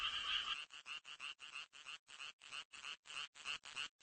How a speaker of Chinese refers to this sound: 雄青蛙也加入到音乐会的队伍中了，他们有一个能鼓起来的声囊，声囊产生共鸣，使得声音十分洪亮。